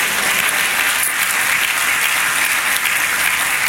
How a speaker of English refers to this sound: Clap your hands, say praise the Lord.